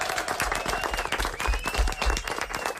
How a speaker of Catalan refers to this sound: Gràcies per aquesta entrevista. Anem a fer un aplaudiment. Molt bé.